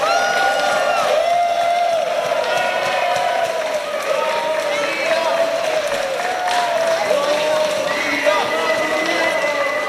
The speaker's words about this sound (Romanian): Un cor de copii din Cluj-Napoca a urcat drapelul României pe prima treaptă a podiumului în Suedia. Micii artiști au învins peste 140 de coruri din întreaga lume. La întoarcerea în țară au fost întâmpinați cu aplauze.